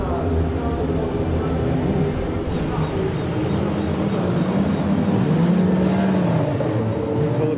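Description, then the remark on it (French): Race car engines, started at the call for drivers to start their engines before a race, drone loudly and continuously, with a low, rough roar that swells into a rising, whining rev partway through before settling back into the steady rumble. “Pilote, démarrez vos moteurs.”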